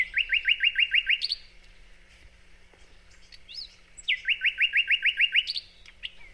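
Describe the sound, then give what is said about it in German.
A thrush nightingale sings close by in spring in Halle, two loud phrases of rapid, repeated rising whistled notes separated by a pause with a few scattered chirps, with no talking. “Und deswegen konnte ich da auch ganz nah ran und mir den auch mal angucken und natürlich anhören und sogar aufnehmen.”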